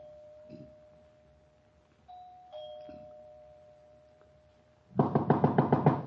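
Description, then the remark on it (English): A doorbell of a big, unlit house is pressed at night and rings inside, a sustained ringing tone followed by a second two-note ding-dong that lingers and fades, then a sudden loud burst of rapid banging near the end. “I walked up the front stairs, punched at the doorbell, and heard it ring inside.”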